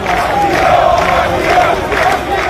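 A large crowd carrying Spanish flags shouts a chant of "asilo" (asylum) in unison, loud and steady, with voices swelling in repeated rhythmic waves about every half second to second.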